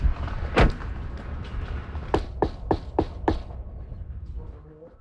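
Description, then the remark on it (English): A series of five sharp knocks on the door of a gigantic ship, evenly spaced, preceded by a single louder thud, with faint background noise and no talking. “All right, let's go knock on the door.”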